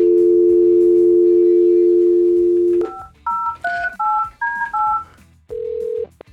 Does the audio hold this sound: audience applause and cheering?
no